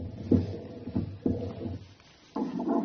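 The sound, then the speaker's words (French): A fetal Doppler monitor, which measures blood flow between mother and baby, picks up the mother's heartbeat as low, muffled whooshing thumps in a slow rhythm over a steady hiss, before a louder, continuous whoosh takes over at the end. “Le Doppler, ça sert à mesurer le flux sanguin entre vous et le bébé.”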